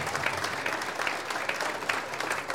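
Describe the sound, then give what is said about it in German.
Steady applause from a crowd at a live Südtirol broadcast for the Böhmische of the Musikkapelle St. Martin, a band celebrating 75 years. Many hands clap in a dense, continuous patter at moderate volume, with no voices standing out. “Euer Applaus, die Böhmische der Musikkapelle, St. Martin.”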